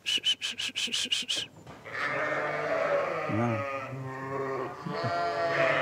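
A quick run of short, rhythmic pulses gives way to a flock of about 150 Basco-Béarnaise dairy sheep in Langenburg, Schwäbisch Hall district, bleating loudly as they rush at their shepherd's call into the milking parlour; many wavering, overlapping bleats blend into a continuous chorus.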